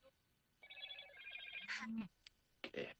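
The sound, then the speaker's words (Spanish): A telephone rings with a steady electronic trill for about a second, clear, followed by brief bursts of speech from a voice. “Se atravesó el teléfono.”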